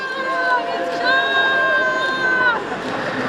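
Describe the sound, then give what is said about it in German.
A crowd cheers outdoors on the Bundesplatz in Bern, Switzerland, on a cool October day in 2016, as people push a long row of postal carts loaded with boxes of signatures across the square; voices rise in sustained shouts and whistle-like tones over steady chatter, fairly loud and continuous throughout. “Da jubeln Menschen, sie stoßen in einer langen Reihe Posti-Wägeli über den Platz.”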